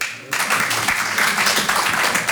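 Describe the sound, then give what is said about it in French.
A crowd at a stand-up comedy show breaks into applause after a brief quiet moment, as fathers in the audience answer the comedian's question by clapping. A dense, steady wash of many hands clapping stays loud and full for a couple of seconds. “Il y avait papa par applaudissement?”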